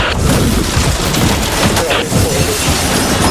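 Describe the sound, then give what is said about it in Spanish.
A loud, chaotic crash of a helicopter coming down, with heavy booms and repeated thudding impacts over a dense, continuous roar of rumbling noise that stays intense throughout. “Me ha caído el helicóptero encima, pero estoy con unos auriculares y con un casco especial intentando que nada no se distinga.”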